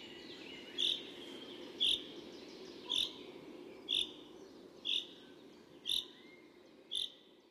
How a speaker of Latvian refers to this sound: Un arī par žubītes dziesmu ir ticējumi, kad žubītes svilpo, tad esot silts laiks, un kad žubīte savādi dzied, tad būs lietus.